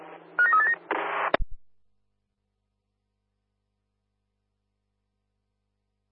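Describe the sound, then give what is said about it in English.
A quick run of telephone dialing tones as a call is placed to Oak Street station, a few short electronic beeps lasting about a second, ends in a sharp click, then long silence broken by one more click at the very end. “Oak Street, stand by for a phone call.”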